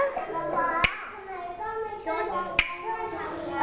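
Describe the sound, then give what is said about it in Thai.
Two sharp, crisp hand claps ring out nearly two seconds apart as children clap following their teacher's rhythm, with children's voices chattering and chanting continuously underneath. “เด็กๆฟังนะคุณครูจะบอกว่าโรงเรียนโรงเรียนให้ทำอะไรคะให้ปรบมือยอดเยี่ยมเลยค่ะพร้อมไหมคะฟังจังหวะคุณครูนะ”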